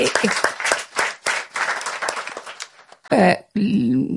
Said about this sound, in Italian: Questo ritengo che sia un contributo che Amnesty ha dato in termini di impatto sulla vita delle persone, che è l'applauso ci vuole.